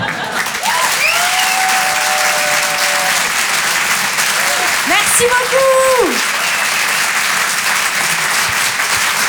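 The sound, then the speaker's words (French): Loud, sustained applause from an audience for comedian Cécile Marx's first appearance on Rire et Chanson fills the whole stretch, a dense steady wash of clapping with a few cheers and whistles rising briefly above it. “Vous pouvez l'applaudir très fort pour son premier passage sur Rire et Chanson.”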